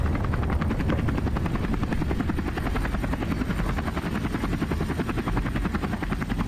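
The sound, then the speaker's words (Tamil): A helicopter passes overhead, its rotor blades thumping in a fast, steady rhythm under a loud engine roar that fills the whole stretch without pause. No one speaks. “My goodness, helicopter sir.”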